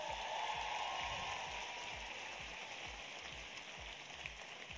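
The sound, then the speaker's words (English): A crowd applauding Charlie Hatcher at a political rally in Tennessee: dense, steady clapping that blurs into a continuous crackling roar, holding loud for several seconds and easing off only slightly toward the end, with no voices over it. “Let's give my friend Charlie Hatcher a big round of applause.”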